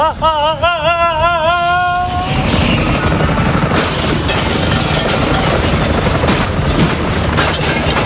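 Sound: helicopter rotor noise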